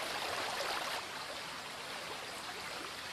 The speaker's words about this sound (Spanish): En el interior de la garganta, las aguas filtradas por la roca en las alturas surgen impetuosas en multitud de chorros. Es la fuente de Escuaín, curiosidad de la naturaleza de soberbia belleza.